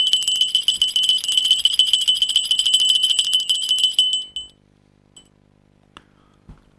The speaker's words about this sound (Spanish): Suena la campanilla.